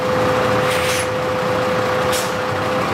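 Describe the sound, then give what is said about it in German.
A garbage truck drives onto the weighbridge at the City of Vienna biogas plant in Wien-Simmering, rolling slowly with a steady engine drone and a sustained tonal whine, while two short hissing bursts of air brakes break through the rumble. “Eben fährt ein Müll-Lkw auf die Waage, denn hier wird alles, das hinein und hinausgeht, genau erfasst.”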